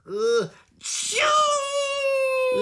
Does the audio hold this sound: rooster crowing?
no